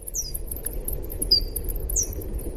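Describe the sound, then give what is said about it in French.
Slowed-down bat echolocation calls, the ultrasounds bats use to orient themselves in space: three high, downward-sweeping chirps at uneven intervals, each sliding quickly in pitch, over a steady low rumbling background. “Et moi, je voulais écouter donc un son d'écholocation parce qu'elles font ces petits ultrasons pour se repérer dans l'espace.”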